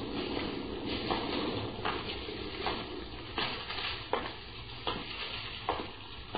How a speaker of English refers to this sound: Sure is raining.